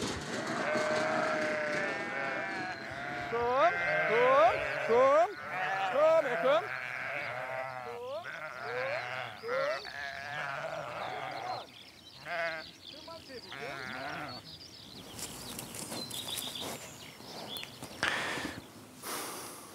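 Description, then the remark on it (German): A flock of sheep bleats over and over, their wavering, quavering calls overlapping in a busy chorus, with some shuffling and rustling noises toward the end. “Über Kommunikation kann man von Schafen ganz, ganz viel lernen, weil sie sind ja auch soziale Tiere, so wie wir, das kann man schon mal so sagen.”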